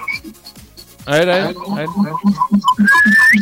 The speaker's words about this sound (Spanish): Ya te chiflamos ahí.